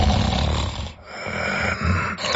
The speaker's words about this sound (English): Sound familiar? Don't ignore the snore. Snoring and constant tiredness could be a sign of sleep apnea.